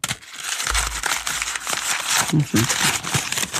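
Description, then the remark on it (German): Loud crinkling and crushing of paper as a sheet is scrunched into a paper ball, a continuous crackly rustle lasting a few seconds, with a faint voice briefly audible underneath. “der erste Papierball.”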